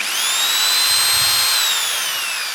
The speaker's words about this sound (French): Avec une perceuse.